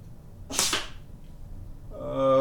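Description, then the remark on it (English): A single sharp, papery swish-thud of the third dart thrown at a paper target, landing left of center and apparently not passing through the paper, lasting under half a second, followed after a pause by a steady buzzing tone. “If you have real sharp hearing like I do, you can kind of tell between hits and misses because the darts going through a layer of paper makes a different”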